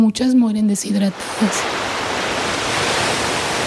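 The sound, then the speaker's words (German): A steady, broad roar of surf washing onto the beach at Escobilla, fairly loud, with a man's voice speaking briefly at the start before the wave noise continues alone. “Zurück am Strand von Escobilla.”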